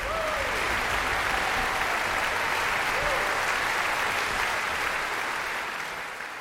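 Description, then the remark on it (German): Sustained, dense applause from a large concert hall audience in the Max-Littmann-Saal, Bad Kissingen, at the Kissinger Sommer festival on 4 July, for the Czech Philharmonic and conductor Dalia Stasevska after Dvořák's Symphony No. 8; steady and loud, with faint whistles or cheers before it eases. “Großer Applaus in Bad Kissingen für die Tschechische Philharmonie.”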